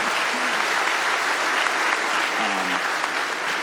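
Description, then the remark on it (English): Steady applause from an audience, a dense wash of many hands clapping at an even level throughout, with a faint voice or two murmuring underneath. “Okay, some claps for leaving a bad job.”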